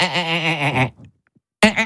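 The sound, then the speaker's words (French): A voice imitates the song of the marsh frog (grenouille rieuse): a loud, quavering, bleat-like warble lasting almost a second, followed by a brief pause and the start of a second burst. “Mais c'est son chant, le fameux.”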